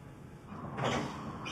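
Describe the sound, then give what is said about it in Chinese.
A door slides or swings open with a soft rumble and brief whoosh as someone enters without knocking, moderately loud, over a quiet background hum with no voices. “干嘛不敲门啊？”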